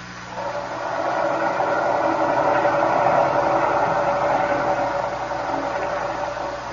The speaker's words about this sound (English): The engine room reports the propeller is still fouled, sir. It behaves as it did before. It turns, but as if something is holding it back.